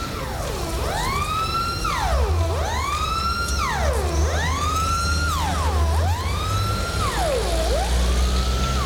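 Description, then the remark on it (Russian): A Soviet militia police siren wails in steady rising-and-falling sweeps, about five cycles, loud, over a low rumble of street traffic with passing cars and a tram knocking on its rails, recorded on 31 July 1982. “Едут машины, стучит по рельсам трамвай, гудит милицейская сирена.”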